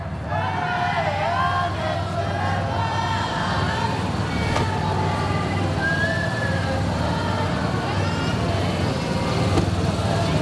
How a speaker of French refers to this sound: Et voilà, la voiture, eh bien, commence à avancer.